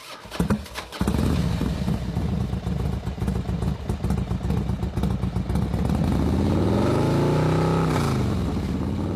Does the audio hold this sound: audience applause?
no